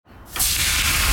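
A sizzling grill: a steady, bright hiss that swells up within the first half second and then holds at full loudness, with faint crackle running through it and no voices.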